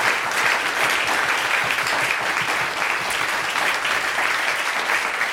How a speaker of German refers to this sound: Ein großer Dank an die ganzen Kollegen von der Technik, die das alles auch mit möglich gemacht haben, gut aufgenommen haben, für die Beschallung gesorgt haben, für den Aufbau gesorgt haben. Einen Applaus für unsere Kollegen von der Technik, bitte.